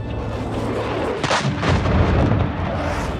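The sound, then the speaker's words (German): Loud, deep booms roll through from F-16 jets flying extremely low, a sharp blast-like burst followed by sustained low rumbling of jets roaring overhead with explosive cracks, heavy, with no talking. “Es waren F-16-Jets, die extrem tief flogen und explosionsartige Geräusche verursachten.”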